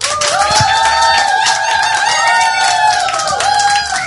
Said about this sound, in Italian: Buonasera, buonasera al pubblico a casa, ascoltatrici, ascoltatori del suggeritore Night Live, al pubblico in studio che si fa come sempre un applauso apotropaico dati i tempi brutti.